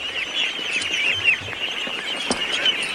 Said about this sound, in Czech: Poslyšte, to jsem se vás chtěl zeptat, co je to tu všude za ptáky? Kachny.